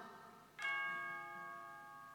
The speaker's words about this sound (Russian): «Что это?» — изумленно вскрикнула бабушка Тиль. «Часы? Ну ведь они у нас никогда не бьют!»